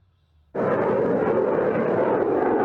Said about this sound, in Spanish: Así sonaban las pruebas de misiles que el Ministerio de Defensa ruso lanzaba cerca de las Islas Kuril. El submarino OMS ha efectuado los lanzamientos junto al crucero Variak, sobre un objetivo a una distancia de 300 kilómetros.